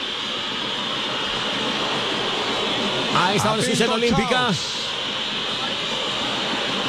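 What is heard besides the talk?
stadium crowd whistling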